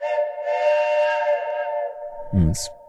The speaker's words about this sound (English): Oh, Deb, that deserves a big truck horn.